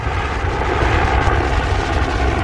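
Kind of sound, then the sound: vehicle, helicopter flying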